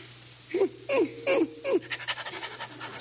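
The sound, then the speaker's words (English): A St. Bernard dog pants heavily: four loud, throaty huffing breaths, then a quicker run of lighter, rapid pants, with a steady low hum underneath and no talking. “Oh, you got a St. Bernard. Nice doggy.”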